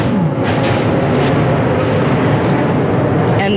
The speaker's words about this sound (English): was a Russian drone strike not too far away. I recorded that on my phone. These jet-powered drones move very fast. It's hard for Ukraine's air defenses to shoot them down.